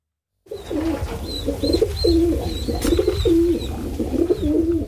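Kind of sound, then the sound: bird, pigeons cooing and fluttering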